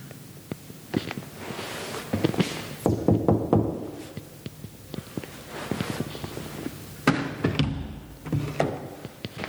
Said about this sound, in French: Je vais essayer d'aller toquer à la porte.